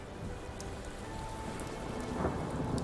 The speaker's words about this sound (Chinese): 那一次他遭遇恶劣天气，船行过半，暴风雨突然来袭，狂风裹挟的巨浪拍打着船身